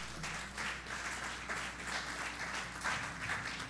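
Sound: audience applauding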